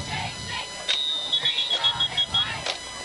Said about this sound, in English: We have some whistles here. Official timeout for something.